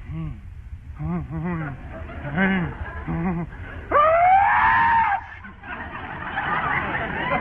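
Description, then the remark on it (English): A voice performs an exaggerated, drawn-out imitation of a sneeze: a series of wavering, whining vocal build-ups rising to a loud, sustained wailing burst, followed by a breathy, noisy tail. “And if you sneeze like this...”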